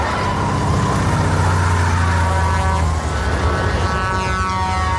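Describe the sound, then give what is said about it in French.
Loud engines of a car and a heavy tanker truck roar together in a chase on California roads in Steven Spielberg's film Duel, a steady dense rumble with droning, shifting motor tones and no speech. “Steven Spielberg a 28 ans, il s'est fait remarquer avec un téléfilm virtuose et angoissant, Duel, l'histoire d'un automobiliste pourchassé par un camion-citerne sur les routes de Californie.”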